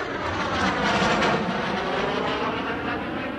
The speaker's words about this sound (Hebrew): באיזה שיר יש מטוס בהתחלה שהוא ממש ישראלי?